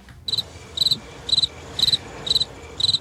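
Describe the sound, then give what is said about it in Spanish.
A loud cricket from Mundaka in the Basque Country chirps in a steady rhythm, six quick trilled bursts evenly spaced about half a second apart, with a low rumble of background noise underneath and no voices. “Joder, grillo de Mundaka, qué potente, pulmones, ¿eh?”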